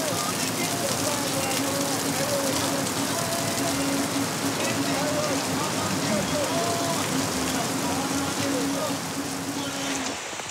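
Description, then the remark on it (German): Heavy rain pours down on a running event as runners finish, a steady, dense hiss that fills the whole scene without letup, with faint voices murmuring somewhere beneath the downpour. “Heftiger Regen macht die Hasch jetzt noch anspruchsvoller.”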